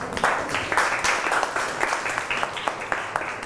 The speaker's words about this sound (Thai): ปรบมือให้กลุ่มนี้ค่ะ